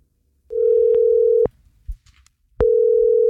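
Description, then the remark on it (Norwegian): A telephone ringback tone from an outgoing call placed by the radio station Jærradioen: a steady, fairly loud mid-pitched beep sounds for about a second, pauses, then starts again, with faint line noise in the gap and no voices. “Dette Rogvi som ringer fra Jærradioen.”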